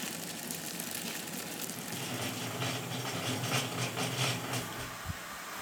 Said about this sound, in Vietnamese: Nhưng giờ đây, đun nước đậu bằng nồi điện đã rút ngắn được thời gian cũng như giảm bớt được một nhân công phải ngồi khuấy đậu, trông đậu mà lại đảm bảo được chất lượng của nước đậu.